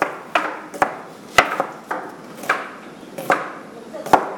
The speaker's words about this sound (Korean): 예, 준비된 재료를 직접 손질을 해서 요리를 만들고 있는 것 같은데요. 네. 칼질 소리, 이 도마 소리는 참 경쾌하게 들리는데 실력들은 어떠신가요?